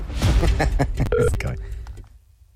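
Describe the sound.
Touch-tone phone dialing: a quick run of short, bright keypad beeps sounds over a busy background of voices, then it trails off into near silence.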